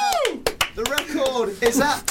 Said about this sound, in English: Oh, a round of applause.